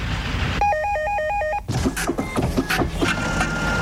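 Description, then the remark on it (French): A warbling electronic telephone ring at about 60 decibels sounds for about a second, then gives way to busy, rhythmic mechanical office printer clatter at about 75 decibels over a steady street traffic rumble at about 80 decibels. No one speaks. “80 décibels pour la circulation, 75 pour l'imprimante, 60 pour le téléphone.”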